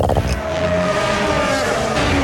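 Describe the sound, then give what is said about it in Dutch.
A loud race car roars past as its tyres run over curbstones, producing a rapid, juddering rumble beneath the steady engine scream. “Mooi, het curbstone geluid.”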